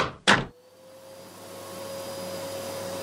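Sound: vacuum cleaner running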